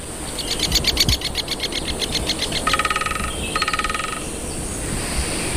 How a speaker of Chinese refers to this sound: 加纳利群岛位于非洲西北部海域，在这座火山群岛的松林中，生活着一种羽毛鲜艳的鸟类——大斑啄木鸟。大斑啄木鸟非常善于啄凿这些高耸的松树。